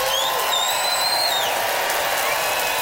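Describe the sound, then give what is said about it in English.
An audience in Regina, Canada, votes by applause for a contestant, clapping steadily and loudly throughout, a dense wash of applause with a couple of high, sliding whistles rising above it at the start. “Time to vote by applause.”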